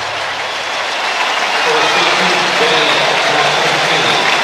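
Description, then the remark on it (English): A baseball crowd cheers and applauds in a loud, dense wash of noise that swells after the first second and holds steady to the end, with no single voice standing out. The crowd is reacting to Nathan Church's diving catch in the right field corner, which saves a run and gets an out. “If he doesn't catch that ball, Witt's on third base at least, but he saves a run, gets an out, and the crowd loves it.”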